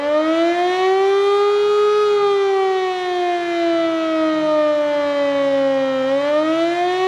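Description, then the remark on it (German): A civil defense siren wails steadily for several seconds during a nationwide test of the country's sirens, its loud harmonic tone slowly sliding down in pitch and then rising again near the end, with no voices over it. “Dabei wird die Funktionstüchtigkeit der Sirenen im Land getestet und die Bevölkerung wird an die unterschiedlichen Signale für Warnung, Alarm und Entwarnung erinnert.”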